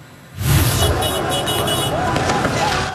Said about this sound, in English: Fans of Paris Saint-Germain erupted into cheers and screams the moment their team beat Arsenal on penalties to capture the Champions League final.